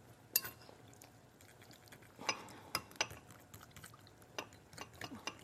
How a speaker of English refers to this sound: I think that's a little too much work, so we're just gonna whisk this up. I'm gonna start with a fork.